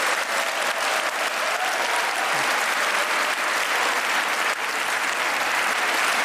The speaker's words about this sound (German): Ich glaube, dieser Applaus ist für euch.